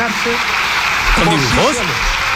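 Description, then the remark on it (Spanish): Dense, steady applause from the government in parliament fills the whole stretch as a continuous crackling wash, with a voice briefly speaking over it midway through. “Oye, se oigan ahí bastantes aplausos al final de todo el gobierno, salvo de una persona.”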